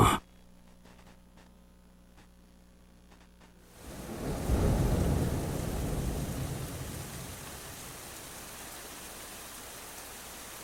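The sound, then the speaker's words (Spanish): A quiet hum gives way to a deep, rolling rumble of thunder that swells loudly and then fades into a steady wash of heavy rain. “ámate que va a llover.”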